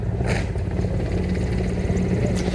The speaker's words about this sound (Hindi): और इस समय आकाश में जो स्वर हमें सुनाई दे रहे ध्वनि सुनाई दे रही है वो उन हेलीकॉप्टर्स की है जो पुष्प वर्षा करते हुए लाल किले के प्राचीर के ऊपर से गुजर रहे हैं और लोगों की निगाह उसी आसमान की तरफ है।